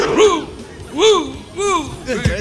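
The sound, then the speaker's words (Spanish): A dog barks in a short series of three or four high, yelping calls with brief pauses between them, moderately loud, with no talking over them. “Ese perro, usted.”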